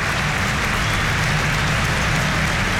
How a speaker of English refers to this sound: A standing ovation from everybody inside Stamford Bridge as Jesse Derry's Premier League debut is cut much shorter than he and everybody involved would have liked.